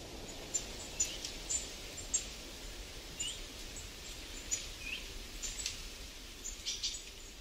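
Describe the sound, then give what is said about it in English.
A morning chorus of mixed birdsong in the American West, with many short chirps and trills overlapping from several directions, soft over a faint outdoor hush, with no one speaking. “When I go out in the morning, I hear like an orchestra of bird songs.”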